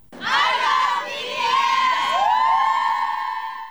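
A large crowd of fans, from around the world, outside a concert at Busan Asiad Main Stadium in Busan cheers and screams before the show in loud, high-pitched unison, a sustained roar with rising whoops lasting nearly four seconds, no talking heard.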